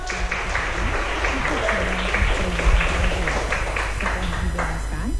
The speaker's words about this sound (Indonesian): Oke, kita berikan tepuk tangan sekali lagi dong.